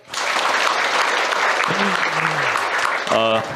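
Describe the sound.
A crowd at a literature event in Nanning Book City applauds steadily, dense clapping filling the whole stretch at a loud, even level, with a few faint voiced sounds and a brief tonal call rising near the end.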